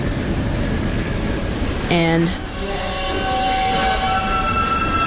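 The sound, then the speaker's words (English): A New York City subway train rumbles steadily at a station platform just before leaving the station, with a short electronic chime midway, followed by three thin, pure high tones from the train as it starts to move, with faint voices in the background. “It's a sound that you hear when you're standing on the platform and the train is just about to leave the station.”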